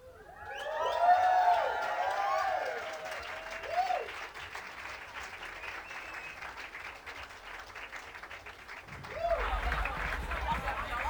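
Steady applause from a festival crowd at the Boho stage of the B-Sides Festival fills the whole clip, with a swell of cheers and whoops near the start, a brief shout midway, and another burst of cheering at the end.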